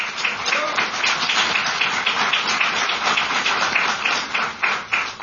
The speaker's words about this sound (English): So give Lunar Outpost a round of applause. Congratulations.